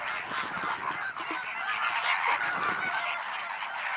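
A dense flock of flamingos calling at once, a steady overlapping chorus of nasal, goose-like honks that stays loud and unbroken throughout, with no voices.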